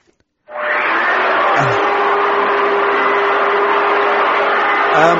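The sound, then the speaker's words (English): A vacuum cleaner switches on abruptly and runs with a steady, loud whooshing roar and a faint motor whine, continuing unchanged to the end with no talking. “I think he's hoovering.”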